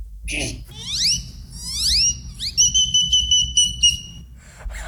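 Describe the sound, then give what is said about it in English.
A person imitates a great-tailed grackle's call: a few loud, rising whistled sweeps, then a quick, stuttering run of high, metallic piping notes, with no talking. “I saw this great-tailed grackle, then I mimicked the great-tailed grackle and mimicked other birds from then.”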